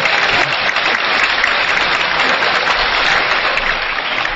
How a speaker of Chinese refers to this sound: 一起， 快给我 鼓掌好。